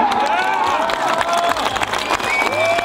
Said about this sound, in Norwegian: Sådan her lød jublen i Kerteminde i går, hvor Jeff Winter, han altså vandt som dansker. Den danske golfturnering Danish Golf Championship, den har jo løbet over 4 dage i Kerteminde, selve hovedturneringen